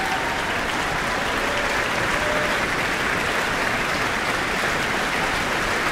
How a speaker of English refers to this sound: And she's not going to get away quite yet. Further applause, and she's back on the stage.